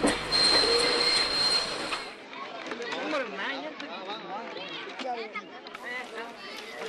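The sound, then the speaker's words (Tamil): A train rumbles loudly with a thin metallic squeal for about two seconds, then the noise drops away as it halts at Kallar, leaving quieter surroundings where people are talking. “எங்க ட்ரெயின் நின்னுச்சு தெரியலையே.”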